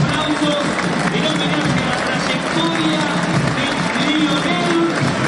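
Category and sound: crowd, stadium crowd applauding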